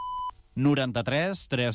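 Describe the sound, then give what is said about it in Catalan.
A single short electronic beep from an automated phone line, a steady pure tone lasting about a quarter second, followed immediately by a person loudly saying their name and surname. “Si us plau, digui'ns el seu nom i cognoms després d'escoltar el senyal.”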